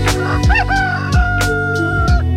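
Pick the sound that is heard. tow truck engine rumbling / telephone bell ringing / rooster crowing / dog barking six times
rooster crowing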